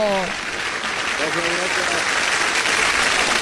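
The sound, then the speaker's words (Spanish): Steady, dense applause for the winner of the Dominada Caliente contest in the Sabrosita fiesta del fútbol promotion fills the whole stretch at an even, loud level, with a short burst of voice at the start and another briefly partway through. “¡Aplausos, fanfarrias, tambores, boncito!”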